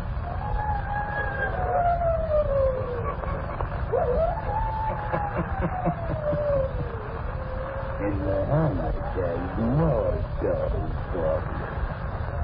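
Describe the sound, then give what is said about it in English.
A human voice howls in long, wavering glides that rise and fall like a siren, loud, continuing for several seconds with no other sounds around it. “Listen in again next week for my howling.”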